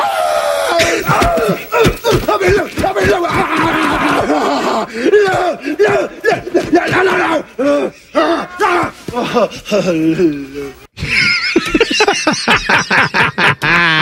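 A man screams and yells excitedly in a broadcast clip, loud and strained with rising and falling pitch, then a harsh burst of noisy, high-pitched shouting near the end.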